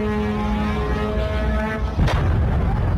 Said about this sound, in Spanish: Irán asegura haber respondido con misiles y drones contra instalaciones con presencia estadounidense en distintos puntos del Golfo. Esta es una de esas explosiones recogidas en Kuwait.